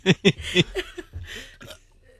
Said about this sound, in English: when are you going to burp near the microphone?